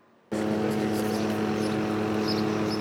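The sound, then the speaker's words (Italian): A helicopter roars overhead while searching the surface of Lake Vico, its loud, steady engine and rotor drone cutting in abruptly after a brief near-silence and holding constant with a strong low hum. “I sorvoli in elicottero per cercare di scandagliare la superficie del lago di Vico, mentre sommozzatori di vigili del fuoco e carabinieri vanno in profondità.”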